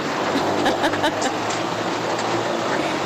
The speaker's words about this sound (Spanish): A ver, está lloviendo mucho, ¿eh? Ahí se escucha la lluvia.